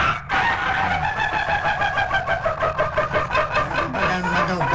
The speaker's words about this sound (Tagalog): Tawag manok!